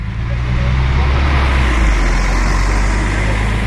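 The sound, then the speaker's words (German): A bus creeps slowly past in Dorm Neufeld, on the only road to the beach, its deep, steady engine drone filling the low end with continuous road noise throughout. “Jetzt schleicht sich gerade ein Bus vorbei.”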